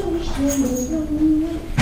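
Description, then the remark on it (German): A door creaks open as someone arrives, with a long, wavering, drawn-out squeal, followed by a brief, louder clunk right at the end. There is no talking. “Oh, oh, ich höre ihn schon an der Tür.”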